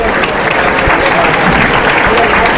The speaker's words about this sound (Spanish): Un aplauso, primero aplauso para David Miranda en este sexto de la tarde.